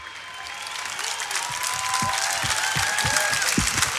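A large crowd applauds loudly and steadily, a dense, continuous wash of clapping, with a few faint high whistle-like tones and some low thumps mixed in.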